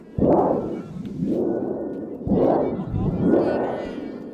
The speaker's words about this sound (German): Und dann geht die Geschichte so weiter, Prospero entfacht einen Sturm und da braucht man ein Donnerblech, das dürfen die Zuschauer bedienen. Das wollte ich natürlich unbedingt ausprobieren.